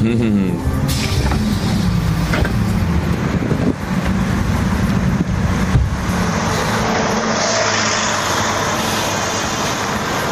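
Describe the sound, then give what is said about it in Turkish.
A loud, steady bus engine rumbles amid continuous road traffic in the city centre of Kırşehir, Turkey, where the bus has stopped, with a low droning hum early on that fades into a broad, even roar of passing vehicles. “Ve geldik Şirin Kırşehir'e. Otobüsümüzün durduğu yer çok manidar.”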